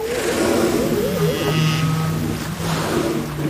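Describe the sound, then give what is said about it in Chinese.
Low, drawn-out tonal calls and wavering moans of whales rise and fall over a steady underwater rumble, with faint higher squeals woven through, no speech present. The calls come from a few of the same whales during a cooperative bubble-net hunt, signalling the group to drive prey to the surface. “气泡王捕猎过程中的大部分叫声好像都是相同的几头大赤鲸发出的，他们会用叫声组织同伴驱赶猎物到海面。”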